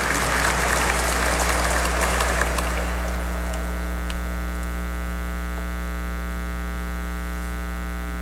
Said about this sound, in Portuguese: Uma salva de palmas.